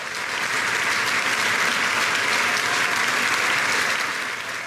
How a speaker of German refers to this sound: Applaus und Standing Ovations, Getrampel und Jubel holte sich auch Ex-Intendant Markus Hinterhäuser, der vor und nach seinen Auftritten als Pianist vom Publikum gefeiert wurde.